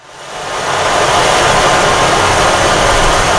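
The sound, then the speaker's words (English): An instrument imitating rain or ocean waves gives a dense, steady wash of hissing noise that swells up over the first half second and then holds evenly loud. No one speaks. “Can we hear the one that sounds like water?”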